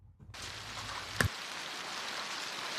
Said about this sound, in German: Es ist kurz nach 10 Uhr, als der Hagelsturm über Bülach zieht. Die Stadt im Kanton Zürich wird hart getroffen.